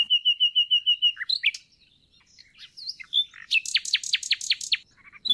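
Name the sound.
nightingale singing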